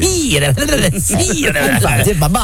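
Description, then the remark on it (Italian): A man's voice does a snake impression, a steady run of sibilant, hissing vocal sounds mixed with voiced, wavering tones, fairly loud, with no other sounds around it. “Parli come serpente.”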